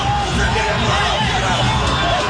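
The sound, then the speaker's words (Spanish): A dense stadium crowd roars and shouts continuously, a loud, steady wall of overlapping voices with no pauses, filling the whole space. “Escuchamos los gritos, ahí está.”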